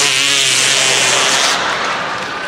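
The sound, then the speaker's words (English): A loud, buzzy, raspy fake fart made by hand, held for about a second and a half with a low droning pitch before trailing off more quietly. No one talks over it. “There were a lot of ways to make the fart sound when you were a kid.”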